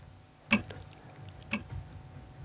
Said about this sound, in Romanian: E ceasul pe care l-ați auzit, ceasul ticăie.